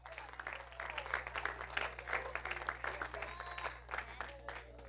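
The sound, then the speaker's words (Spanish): An audience applauds the Lord steadily for several seconds, many hands clapping in a dense, sustained roar with scattered voices mixed in beneath a constant low hum. “¡Aleluya! Dele palmas al Señor.”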